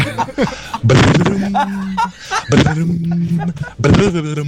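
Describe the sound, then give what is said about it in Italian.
A radio morning show caller imitates a harp with the mouth, three or four rising vocal swoops each settling into a sustained hummed tone, separated by brief pauses, fairly loud, with bits of laughter-like breath. “Non è vero, ma non fa mai così l'arpa. Cioè, è difficile farla con la bocca, però.”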